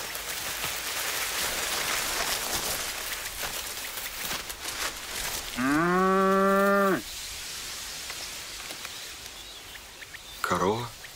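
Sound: cow mooing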